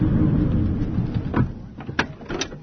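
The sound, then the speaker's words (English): Someone getting out of a car at a seaside location with views of green hills and trees: a few sharp knocks and thuds of door handling, ending in a door shutting, over a steady low rumble outdoors. “So I've just come out of the car and already I cannot describe how beautiful this is.”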